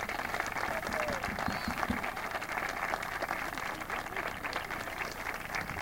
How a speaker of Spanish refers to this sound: Bueno, los despedimos con un aplauso. Muchas gracias.